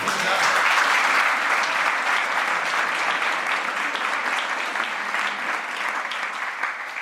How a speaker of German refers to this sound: Ich freue mich, dass Sie da sind. Sie kriegen jetzt einfach noch mal einen Applaus.